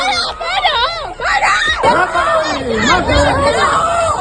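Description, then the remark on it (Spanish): Several voices shout and yell over each other in a chaotic, agitated crowd during a street beating of a young man, with overlapping excited cries such as "para" and "mátalo ahí" filling the scene continuously. “Y todo mientras se entrelazan gritos, ya lo has escuchado, de para o mátalo ahí.”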